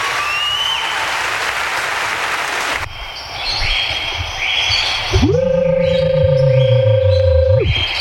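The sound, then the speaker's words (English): A crowd applauds loudly in a dense, steady wash of clapping, which then thins and is overtaken by a sustained harmonic electronic tone that swells in and holds before fading. “applause a little bit.”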